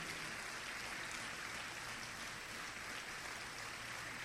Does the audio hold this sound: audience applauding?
yes